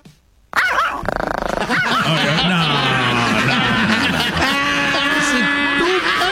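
A small dog's yapping and growling plays as a buzzer sound effect when a button is pressed in a quiz game, loud, with high-pitched yips and snarls packed together after a brief quiet start, sounding looped.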